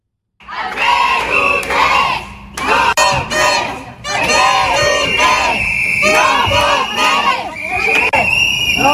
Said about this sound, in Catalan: El punt del conflicte ha estat a la seu del Partit dels Socialistes de Catalunya a Barcelona, quan una vintena de manifestants ha intentat entrar aquest matí a la seu del PSC.